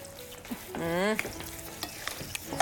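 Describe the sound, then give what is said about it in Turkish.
A hot oven-baked toothpick kebab (kürdan kebabı), just taken out of the oven and still bubbling, sizzles and crackles steadily, with scattered sharp pops and a brief squealing scrape partway through, and no voices. “Baksana hala fokurduyor mis gibi.”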